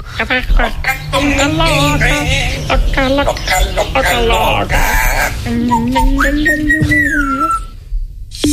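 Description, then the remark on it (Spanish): A parrot whistles and squawks in a rapid run of warbling, sliding calls, then holds a long rising whistle before falling silent; loud, with no talking. “Venga, a ver, el loro, por favor. El loro y cerramos ya.”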